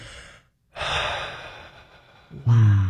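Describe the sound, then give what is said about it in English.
A voice imitates a long, breathy exhale of an audible breath: a soft airy whoosh that swells and slowly fades, followed by a sharper, louder breath at the end. Unaccompanied by talk. “And as I'm looking at the face of Jesus, I hear this like audible breath breathing over me. And it literally sounded like this.”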